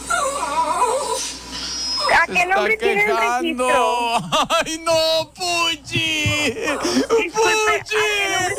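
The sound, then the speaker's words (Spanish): A small dog named Puchi whimpers and whines in high, wavering cries that rise and fall repeatedly, mixed with people talking over it. “Mira, se sigue quejando el perrito Puchi.”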